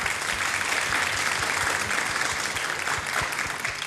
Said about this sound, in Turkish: Kocaman bir alkış da onlara gelsin mi?